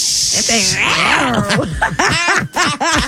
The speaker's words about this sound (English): It's no nice little purrs to it, is there? Yeah, it's an angry little cat right now. Yeah, jungle cat.